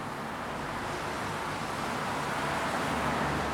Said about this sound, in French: Et moi, j'entends un peu le son des camions qui est réfléchi par les parois du tunnel et qui, si on veut, explose lorsqu'il sort de son tunnel.